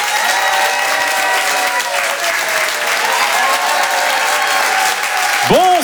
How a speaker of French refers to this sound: je vous demande de faire un maximum de bruit, d'applaudir très fort, s'il vous plaît,